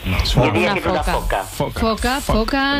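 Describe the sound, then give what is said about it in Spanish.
A Mediterranean monk seal calls in a loud run of wavering, harmonic cries that rise and fall in short bursts, with no one talking over it. “Bingo para la foca. Venga, foca monje.”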